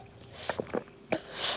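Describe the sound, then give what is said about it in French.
A thirsty baby drinking from a bottle: a handful of short, wet sucking and gulping sounds in an irregular rhythm, fairly quiet, with no talking. “Il boit.”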